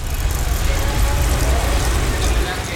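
Steady city traffic rumbles while a bicycle rolls along for a few kilometres through Ljubljana, past traffic lights, with faint mechanical clicking and whirring from its chain or freewheel under the constant road noise.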